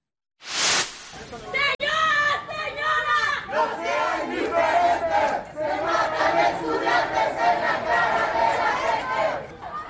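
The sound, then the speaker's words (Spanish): A crowd of Mexican university students marching through the streets of Cuernavaca, Morelos, Mexico, chants and shouts in loud, rhythmic unison, many voices overlapping in a steady protest cadence after a brief burst of noise at the start. “Este es el reclamo de grupos de estudiantes universitarios mexicanos. Marcharon por las calles de Cuernavaca, en el estado de Morelos.”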